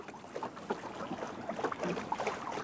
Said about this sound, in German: Das hier ist jetzt zum Beispiel traumhafter Wind, um wirklich alle Lappen hochzuziehen und mit einer schönen Reisegeschwindigkeit voranzukommen.